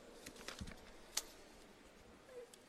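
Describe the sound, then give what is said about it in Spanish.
Quiet rustling of a pile of papers being shuffled and handled, with a few short crisp crinkles and flicks scattered over a soft background and no one talking. “espéreme que se me hacen un montón de papeles los que tengo acá.”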